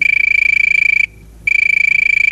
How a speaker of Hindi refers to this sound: लीजिए, बज उठी है फोन की घंटी। चलिए सुनते हैं कि आज कौन होगा पहला कॉलर।